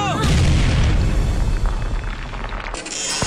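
A lit blasting charge explodes with a heavy boom that rumbles on for several seconds, a deep sustained roar with crackling debris, and a faint voice cries out at the very start.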